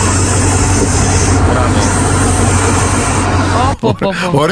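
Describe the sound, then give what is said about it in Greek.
A caller's voice message, sent to a radio show contest, imitates a snake with a loud, rough, continuous hiss lasting nearly four seconds. It is harsh and cuts off before someone starts talking. “έδωσε ηχητικό με φίδι.”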